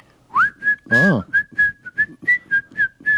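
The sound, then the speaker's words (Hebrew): A man whistles a quick, rhythmic run of short, breathy notes around a steady middle pitch, with one louder, rougher burst partway through; the tone isn't very clean. “זה השריקה שלך?”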